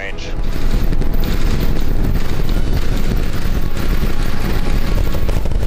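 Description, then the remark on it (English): A loud, continuous rumbling roar, thick with deep low-end energy and crackling texture, swells within the first moment and then holds steady and powerful as the SpaceX Starship rocket, all 33 engines lit, blasts off from Starbase in Texas on its 14th test flight. “The massive rocket blasted off from SpaceX Starbase in Texas on an ambitious 14th test flight.”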